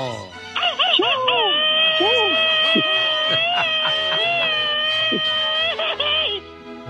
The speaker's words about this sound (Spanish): y para que te vayas bien contento, échale su grito ametralladora a la gente de Guanajuato.